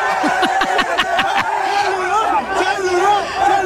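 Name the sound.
crowd cheering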